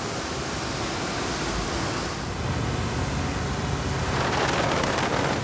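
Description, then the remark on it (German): A loud, steady rush of a water jet spraying from a ship fills the whole clip, seawater pumped up by the ship's pump on the North Sea. It is a broad hissing roar that swells a little stronger and brighter toward the end, with no voices. “Wir pumpen mehr Wasser unter dem Schiff an. Jetzt geht's los.”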